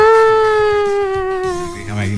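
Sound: civil defense warning siren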